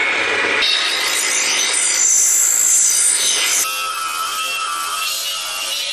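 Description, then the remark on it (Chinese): An angle grinder grinds a steel knife blade, working from coarse to fine as metal filings fall, with a loud, continuous, harsh rasping whine. The tone shifts partway through, suggesting changes in pressure or angle on the metal. No one speaks. “当再次经过角磨机由粗到细的耐心打磨之后，随着金属碎屑簌簌落下，刀身渐渐显露出银白光泽，刃口也开始透出凛冽寒意，那是邓刀真正的魂开始苏醒的时刻。”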